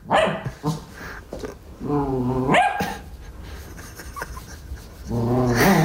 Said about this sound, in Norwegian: for jeg har fått et nytt problem hjemme hva gjelder min bitte lille puddel Gjølle. Han har nemlig fått en ny frykt. Du, Gjølle, slutt å bjeffe på sokken din.